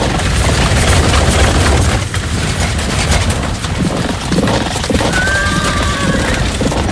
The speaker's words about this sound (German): Und kurz darauf rasselten donnernd 600 der besten Kampfwagen aus der Stadt nach Osten.